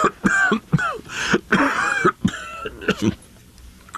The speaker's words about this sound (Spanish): Es esta maldita tos la que me va a matar. No se me quita.